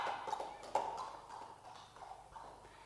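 Horse hooves clip-clop in a steady, moderately paced rhythm, gradually softening as a rider leaves on horseback, with no voices present.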